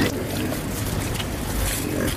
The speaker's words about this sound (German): Rund 30 Schweine grunzen fröhlich